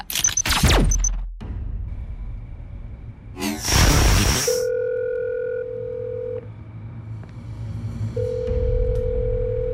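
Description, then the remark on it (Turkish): A telephone ringing tone sounds while a call connects, long steady electronic beeps separated by pauses, preceded by a brief noisy burst and some sweeping tones. No one speaks. “Bebeğim, nihayet telefonu açtın.”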